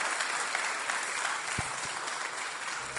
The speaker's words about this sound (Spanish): Aplauso para el Señor. Démosle a Él la gloria, el poder y la alabanza por siempre.